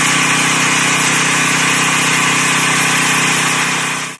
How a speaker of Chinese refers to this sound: 8月18号早上，在桥城区双沟镇，种粮大户刘芷正利用无人机对自家的玉米及时进行飞防。